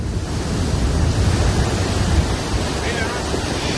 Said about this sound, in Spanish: Y esta es la fuerza con la que bajaba el río Nacimiento cargado de agua.